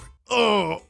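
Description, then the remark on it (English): A voice imitates a groaning upset stomach after eating at a chain pizza shop: one loud, drawn-out, mid-pitched moan lasting about half a second, followed by the onset of another sound right at the end. “Here's the sound of my stomach after eating at a chain pizza shop.”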